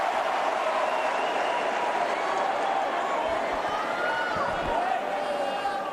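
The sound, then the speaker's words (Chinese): A large stadium crowd at a tennis match applauds and cheers on Diallo as he serves under pressure, trailing 0-30 in his service game, in a steady, dense roar of clapping and voices that holds at a constant loudness throughout, with some murmured talk blended in. “现场的观众也在给他加油鼓劲儿啊。”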